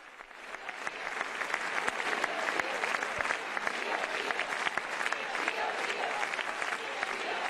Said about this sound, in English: But you can see, how much the visit means to the people here. This is a very long round of applause.